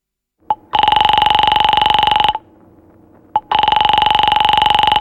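A telephone rings twice in long electronic bursts, each with a rapid buzzing warble, separated by a short pause with faint background noise; loud.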